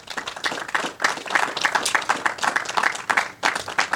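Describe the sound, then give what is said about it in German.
A crowd applauds steadily for those who completed and supported construction work on a volunteer-run technical museum, many hands clapping in a dense, continuous patter that stays fairly loud and even throughout, with no voices standing out. “Und da immer einen kräftigen Applaus an alle, die dieses geschafft haben und auch uns begleitet haben bei den Baumaßnahmen.”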